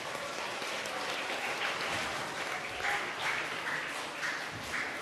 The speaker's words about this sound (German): Vielen lieben Dank und einen heftigen Applaus von euch.